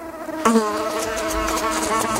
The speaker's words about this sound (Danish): Den her lyd, ja, det er nok måske en af de mest stressende lyde, jeg kender. Insekter i vindueskarmen, eller på gulvet, eller oppe i hjørnet, lige under loftet, eller hvor det er bare sådan, det er indenfor.